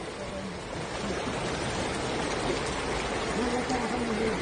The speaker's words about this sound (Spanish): un verdadero arroyo, es un verdadero río que baja con esas lluvias intensas, y creo que es muy, pero muy peligroso.